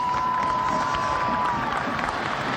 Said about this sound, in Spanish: El 8 Alex Franco. A ver, no hubo mucha reacción con Cardoso. Alex Franco va a tener los aplausos para él.